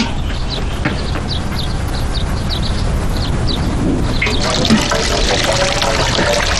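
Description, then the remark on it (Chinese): Water is poured in a steady, broad rushing stream to rinse someone's hair, splashing continuously for several seconds, with a few faint high chirps early on and no talking. “天哪， 我来冲水哦。”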